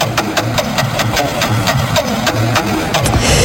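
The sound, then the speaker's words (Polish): A prize wheel is spun for a game during the Festiwal Szczęścia on RMF FM radio. Its pointer produces a steady run of sharp, crisp ticks that slow slightly toward the end, heard over a low continuous hum with no talking. “Dobra, to dla was kołem kręcę.”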